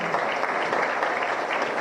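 Dense, steady applause from a crowd at a Marca País Paraguay license-handover ceremony, welcoming remarks from President Santiago Peña, a continuous wash of many hands clapping at an even, fairly loud level with no voices standing out.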